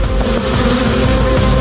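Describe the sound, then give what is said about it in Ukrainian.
A dense, steady drone of many Ukrainian honeybees buzzing, a continuous loud hum with slight wavering and no pauses, with no one speaking. “Удар прийняли й бджоли.”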